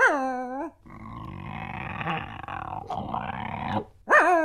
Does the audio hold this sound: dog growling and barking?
yes